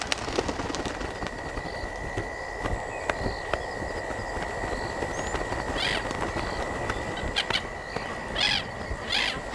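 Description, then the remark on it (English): A dense, continuous chorus of thousands of birds chattering and chirping at once as they settle to roost at nightfall on islands at Victoria Falls, with sharp calls popping out over a steady background hum and a constant rush of sound beneath. “When night falls, the islanders at the Victoria Falls also come to rest. Thousands of birds search for a room for the night.”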